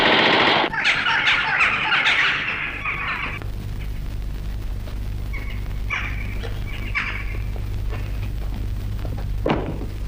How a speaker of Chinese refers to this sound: 为什么乱放枪？ 弟兄们饿极了，用枪打乌鸦呢。